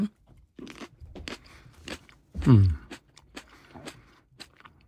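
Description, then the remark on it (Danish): Crisp, crunchy chewing as a Moroccan tomato is tasted: a steady run of short, sharp bites and mouth clicks, with a brief low hum of voice midway and no clear words. “Men jeg vil gerne smage.”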